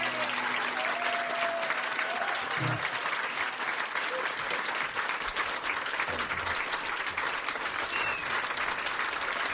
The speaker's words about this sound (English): Lots of applause there. Yep, that was great.